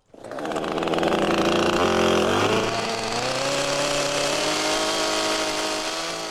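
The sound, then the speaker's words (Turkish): A chainsaw runs loud for several seconds, its engine snarling steadily, dipping briefly in pitch as it bites into wood during fine carpentry work, then holding a strong, even whine. “İnce marangozluk işlerini elektrikli testereyle yapan insanları izlemeye alışık olmayan insanlar bu noktada çok gerilirdi.”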